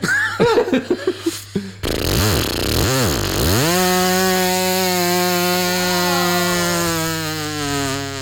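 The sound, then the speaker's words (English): A voice imitates a weed whacker, starting with sputtering revs and pitch swoops before settling into a loud, steady buzzing drone with strong harmonics that holds for several seconds. “That's my weed whacker noise.”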